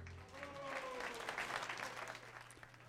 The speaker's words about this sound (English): Some warm applause there by an announcement by ….